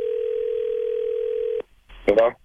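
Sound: telephone dial tone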